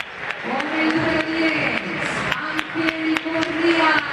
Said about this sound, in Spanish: Sí, algunos silbidos para Moreno. Aplausos para Andrada, nuevito, debutó el otro día.